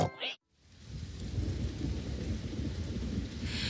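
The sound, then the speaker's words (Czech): After a brief sound and a short moment of silence, steady heavy rain sets in outside, a dense, continuous patter with a deep rumbling undertone, like a downpour during a storm. “Venku pršelo a doma moju nic nebavilo.”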